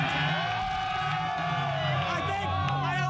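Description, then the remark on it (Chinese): A large crowd of fans in Washington cheers and shouts steadily for about three seconds, celebrating the U.S. team's World Cup knockout-match win: a loud, dense wash of many overlapping voices with whoops and yells rising out of the roar. “我觉得这值得我们欢呼，你们跟我一起喊，我相信，我相信我们，我相信我们赢了。”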